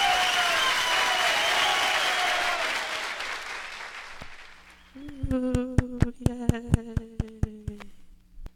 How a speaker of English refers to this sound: See, did you like that I joined the clap? Yeah. You thought that was good? Yeah.